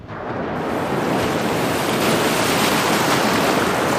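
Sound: ocean waves and surf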